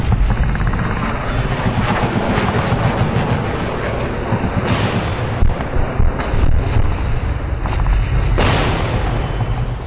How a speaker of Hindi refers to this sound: और फिर शुरू हुआ सैन्य अभियान। खालूबार टॉप पर समय समय पर वायुसेना के विमान मंडराते रहे और जो बंकर निशाने पर आए उन्हें उड़ाते रहे।